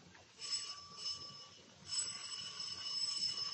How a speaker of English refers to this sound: Let me ring the bell for you.